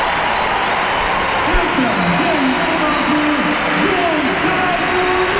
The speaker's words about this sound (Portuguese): Vai sair Cristiano Ronaldo para ceder lugar a Gonçalo Ramos. Aplausos do estádio José Alvalade.